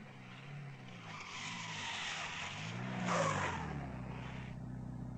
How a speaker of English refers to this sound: The staff car came to within 50 meters of the plane and then pulled to a halt, the driver sensing that all was not well.